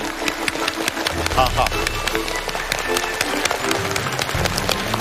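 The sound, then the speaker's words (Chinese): An audience claps steadily for several seconds to welcome a guest lecturer, a dense crackle of many hands over a low, continuous rumbling tone, with voices faintly mixed in. “好， 一看大家鼓掌的这个镜头，电量都很足，电量都很足。”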